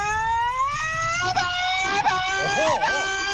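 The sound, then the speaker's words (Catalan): A listener's voice note in which a person vocally imitates a racing car engine, a sustained buzzing whine that rises steadily in pitch, then wavers with a few quick dips and warbles as if shifting gears, loud. “Com ho feu vosaltres, això d'imitar un cotxe?”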